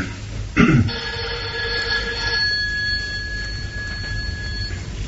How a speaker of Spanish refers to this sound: El teléfono. Casi me hago el teléfono.